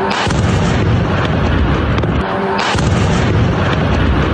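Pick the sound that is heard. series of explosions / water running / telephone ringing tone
series of explosions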